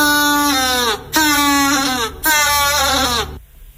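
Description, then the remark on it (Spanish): A penguin calls with three loud braying honks in quick succession, each a wavering harmonic bray with a brief gap between, then the sound stops. “Marcamos la B, un pingüino. ¡Es correcto!”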